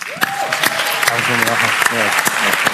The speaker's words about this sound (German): Und so wollen wir jetzt motivieren, alle Schwestern, die verrückt genug sind und Priester auch und Ordensleute, gerne auf die Bühne zu kommen. Einen Applaus für Sie.